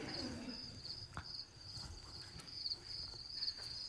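Crickets chirp steadily in a continuous high-pitched trill, pulsing in a regular rhythm throughout, with faint low rumbling and a few soft knocks in the background.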